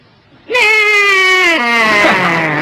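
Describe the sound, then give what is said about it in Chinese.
A man's voice mimics how his own horse neighs, with one long, wavering, nasal tone that holds steady, then dips lower partway through and trembles to the end, coming out more like a sheep's bleat. “你得听我那个马一叫唤都这个声音。”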